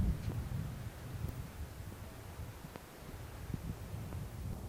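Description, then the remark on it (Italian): Steady strong wind rumbles and buffets against the microphone outdoors while setting off to see excavated ruins, a low, blustery roar with occasional gusts and faint rustling. Nobody speaks. “Sindaco, allora andiamo a scoprire, se il vento non ci porta via prima, questi ruderi che sono stati ritrovati”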